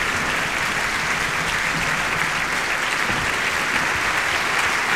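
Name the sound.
audience applauding returning conductor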